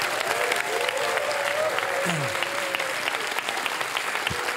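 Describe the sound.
Steady, dense applause from the audience of the show Alfons und Gäste, welcoming guest Sebastian Krämer, fills the whole stretch: a loud continuous wash of clapping hands with a faint tone and a brief voice-like sweep underneath.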